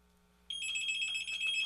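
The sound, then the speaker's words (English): A telephone rings for an incoming call with a steady, high electronic trill that starts abruptly and continues without pause, clear over a faint background hum. “All right, this one just slipped in. It's the last phone call.”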